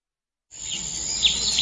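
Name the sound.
forest ambience with birdsong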